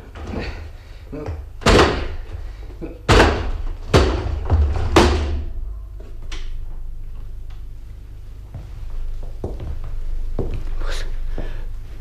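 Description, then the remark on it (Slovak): A door locked from the inside is battered down with four or five heavy, booming blows in quick, uneven succession, each loud, followed by quieter shuffling and creaking as it gives way. “No tak nemeškajme, vyvajme dvere.”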